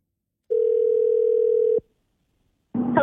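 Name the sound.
telephone dialing and ringing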